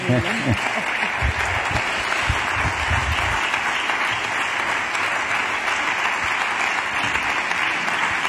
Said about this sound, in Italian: Magari, magari esce ancora, prendi ancora gli applausi.